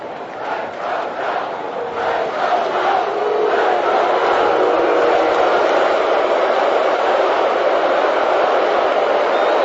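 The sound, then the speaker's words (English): A large stadium crowd of Oregon Duck and OSU fans roars and chants at a football game, with rhythmic rising bursts of cheering early on that swell into a sustained, loud wall of fan noise. “Duck fans trying to make some noise. OSU fans have an answer.”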